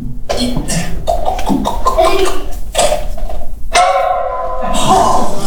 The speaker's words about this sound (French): Bon, bah, d'un coup de pommeau, ça change rien. Hein. Ça a marché? Bah, non.